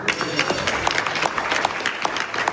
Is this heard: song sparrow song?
no